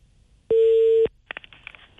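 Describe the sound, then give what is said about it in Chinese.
A telephone connecting tone as a call is placed to the Luancheng vehicle management office: one loud, steady electronic beep lasting about half a second, followed by faint line clicks and muffled noise. “我们问一下栾城车管所哈，咱们咨询一下。你好，正在接通。”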